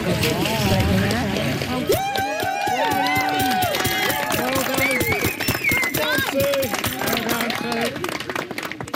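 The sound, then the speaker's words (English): Water splashes and sloshes as a swimmer climbs out of a busy indoor pool, helped out by two others; the irregular wet sounds are mixed with several people talking and calling out around them. “finishes up and is helped out of the pool by two others.”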